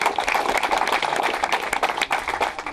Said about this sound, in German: Das ist doch mal ein Applaus wert.